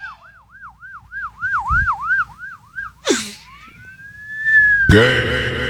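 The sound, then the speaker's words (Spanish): Someone whistles an imitation of a police siren: a quick, regular warble of about a dozen up-down swoops, then a long rising whistle, ending in a sudden loud burst of noise. “Yo imitaba, puedo chiflar como una sirena de policía.”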